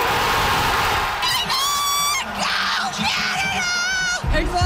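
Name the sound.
fans cheering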